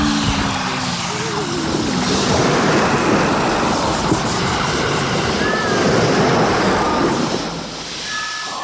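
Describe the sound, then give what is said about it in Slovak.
A loud, continuous roar of crashing sea water and deep rumbling, with brief creaking whistles rising above the churning noise, as a ship heels over and sinks in heavy waves and its main mast collapses; it eases slightly near the end. “Za obrovského rachotu sa loď naklonila a potom sa s praskotom zrútil hlavný stožiar.”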